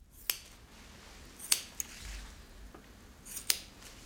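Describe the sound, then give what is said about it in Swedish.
Crisp metallic snips of a hairdresser's scissors in a salon, three sharp clips and a softer one spaced irregularly, distinct over a quiet, low hum with no one talking. “För som frisör så behöver man ju inte bara ha koll på saxen utan också veta hur man urskiljer AI-bilder.”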